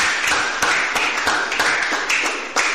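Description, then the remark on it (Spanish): A church audience gives a strong round of applause to God, a dense crowd of hand claps with sharp, irregular bursts running steadily through the whole stretch, loud, with no voices rising above it. “Dale un fuerte aplauso a Dios.”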